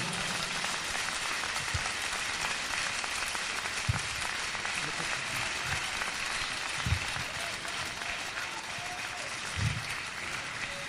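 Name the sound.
audience clapping hands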